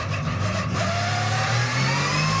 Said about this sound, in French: Mais quel moteur! Quel moteur! Écoutez-moi ce son! Moteur qui prend 9500 tours. Vous avez bien entendu, 9500 tours.